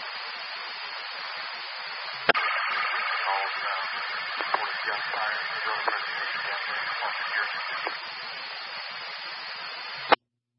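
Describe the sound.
Steady radio static hisses throughout a narrow, tinny transmission; a squelch click opens a stretch of garbled, unintelligible voice buried in the noise, then it cuts off with another sharp click.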